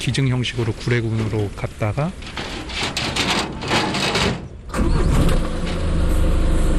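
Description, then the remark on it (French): A voice is heard over background noise, then a heavy truck engine turns over and settles into a loud, steady rumbling idle; the truck is carrying the bears Dolly and Sunny to the Gure refuge near Mont Jili National Park in southern Korea. “Après avoir été auscultés, Dolly et Sunny sont embarqués à bord d'un camion, direction le refuge de Gure, près du parc national du Mont Jili, au sud du pays.”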